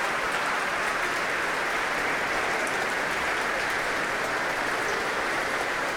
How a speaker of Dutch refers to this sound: Applaus van hem voor het Concertgebouworkest. Hij laat het orkest weer opstaan om dit zeer enthousiaste applaus in ontvangst te nemen.